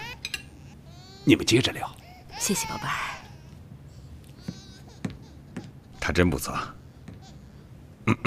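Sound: baby crying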